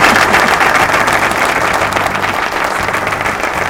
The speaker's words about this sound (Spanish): A los aplausos. Eso quería reclamar. A los aplausos. Los aplausos.